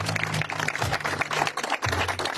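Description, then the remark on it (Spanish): An audience claps steadily for a couple of seconds, a dense, crackling wash of many hands with no voices over it, and a low steady hum underneath, applauding for ANDE president engineer Félix Sosa. “ingeniero Félix Sosa, quien no está presente, pero que solicito un fuerte aplauso para él.”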